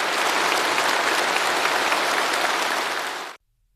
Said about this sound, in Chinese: 授予九名外国专家中华人民共和国国际科学技术合作奖。在热烈的掌声中，习近平发表重要讲话。